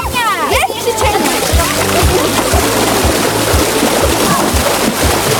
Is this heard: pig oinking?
no